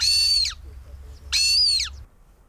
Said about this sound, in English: The twitchers amongst you will recognise the sound of a Montagu's Harrier there.